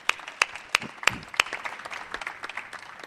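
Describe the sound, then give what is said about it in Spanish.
An audience applauds in tribute to the late duo, two musicians, a dense patter of many hands clapping, with a few sharp, louder claps standing out at a steady beat early on before the applause thins into scattered claps. “O sea que si les damos un aplauso a los …, al cielo.”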